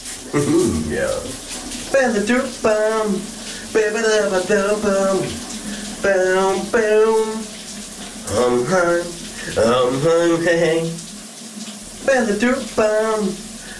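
A shower runs with a steady, hissing spray throughout while a man sings a melody over it in short, repeated phrases.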